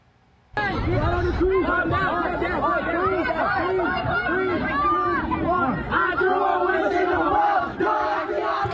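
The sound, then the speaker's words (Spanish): A crowd of about 500 teenagers shouts and yells all at once while running and fighting in a shopping mall in Aurora, Colorado, a dense, chaotic roar that starts abruptly and stays loud throughout, with overlapping screams and chatter. “Los videos muestran a decenas de jóvenes corriendo por el lugar gritando y peleando entre ellos.”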